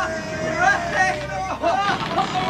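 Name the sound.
crowd cheering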